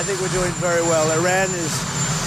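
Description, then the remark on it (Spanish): Steady, loud helicopter engine roar runs continuously beneath a man's voice giving a statement beside the helicopter. “Lo que contrasta con estas palabras de la misma declaración a pie de helicóptero, en las que asegura que Teherán está dando avances positivos.”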